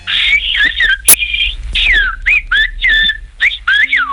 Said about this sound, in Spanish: Es uno de los lenguajes más singulares del mundo y podemos presumir de que sea patrimonio de nuestro país. El silbo gomero lleva siglos salvando las distancias entre las montañas de la isla Canaria.